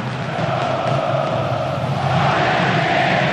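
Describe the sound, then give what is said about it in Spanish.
A stadium crowd shouts in a dense, continuous roar during a football team's welcome with flares and paper confetti, many voices blending into a loud, steady wall of sound that holds for a few seconds without pause. “Estos gritos se escuchen.”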